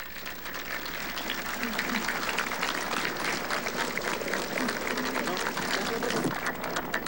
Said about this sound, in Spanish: Un aplauso.